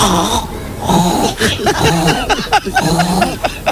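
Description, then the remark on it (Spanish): On Basque regional television (ETB), a woman's voice mimics farm animals such as a pig and a hen, producing a loud, continuous run of throaty grunts, snorts and squawking, pitch-wavering calls in quick, uneven bursts with no ordinary speech. “Y así se tiró imitando a un mollón de animales.”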